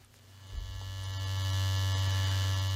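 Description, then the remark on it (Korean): An electric shaver, heard at dawn from the main bedroom, starts up and settles into a steady buzzing drone with a low hum, growing slightly louder and holding constant to the end, with no voices. “전기 면도기 돌아가는 소리였습니다.”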